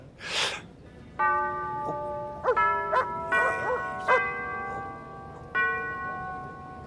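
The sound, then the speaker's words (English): Church bells peal in an uneven sequence of strikes, each ringing tone lingering and overlapping the next, after a brief rushing noise at the start. “The bells are saying grace, my dear.”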